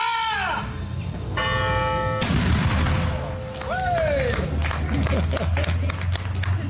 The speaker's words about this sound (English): The cannon has been part of the history of Maryborough, apart from Edinburgh and other places. I don't know of too many places in Australia that have their cannon being fired.